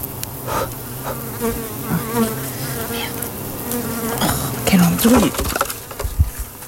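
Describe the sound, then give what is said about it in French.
A bee buzzes, its steady droning hum wavering in pitch as it hovers and circles, landing on a phone and then on a person's finger, with faint rustling and brief soft sounds around it. “Ah, il y a une abeille. Oh là, sur mon téléphone.”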